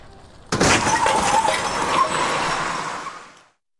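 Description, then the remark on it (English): A sudden loud car crash hits at once, followed by a few seconds of crunching metal and scattered shattering glass that tinkles down and fades out. No one speaks. “I thought I crashed the car.”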